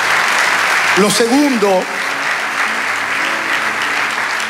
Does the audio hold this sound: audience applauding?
yes